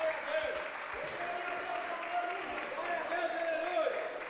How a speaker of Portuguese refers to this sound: Vamos recebê-lo como? Com tristeza ou com alegria? Não, então vamos receber com palmas para Jesus. Muito bem-vindo, meu pastor.